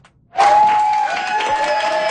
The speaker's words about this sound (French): C'est sous les applaudissements de ses nouveaux collègues que Fatima Chaban a fait son entrée dans le caucus néo-démocrate à Queen's Park vendredi.